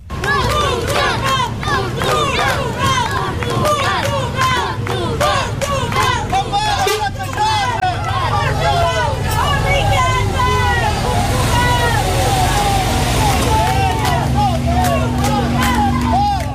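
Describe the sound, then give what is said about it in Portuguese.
A large crowd shouts and chants continuously, many voices overlapping into a loud, dense roar with sharp individual yells cutting through, a mix of protests and shouts of encouragement as Portugal's national team delegation leaves Francisco Sá Carneiro airport in Porto in the early afternoon. “Foi assim, desta forma, entre protestos, mas também gritos de incentivo, como mostram estas imagens captadas pela SIC, que a comitiva da Seleção Nacional deixou o aeroporto Francisco Sá Carneiro no Porto, ao início da tarde.”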